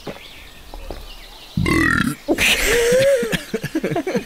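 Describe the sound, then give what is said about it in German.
After a quiet start, a person lets out a loud, drawn-out burp, followed by a few choppy vocal sounds and murmurs. “Hast du eigentlich schon mal andere Tiere rülpsen gehört?”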